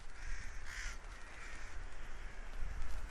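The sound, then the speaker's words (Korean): An adult rook, a winter migratory bird, in Ulsan caws harshly a few times, the rasping calls rising from a steady low outdoor rumble, with no one speaking. “그것이 요 지금 때까마귀 있죠. 지금 보이죠?”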